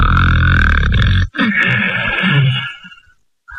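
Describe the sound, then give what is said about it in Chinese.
A voice imitates the loud snoring of Lu Zhishen, a story character, coming from an embroidered bedroom: a deep, rattling, throaty snore followed by a second raspy breath that fades out into a brief silence. “离绣房还老远呢，先听见鲁智深这呼噜了。”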